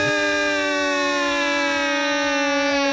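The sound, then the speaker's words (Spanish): A steady, loud alarm siren sound effect holds a sustained electronic tone rich in stacked harmonics, wailing continuously for the whole stretch with only slight pitch drift and no voices. “Ay, cuando digan algo así, mi güero, tenemos como una alarma para poner así de...”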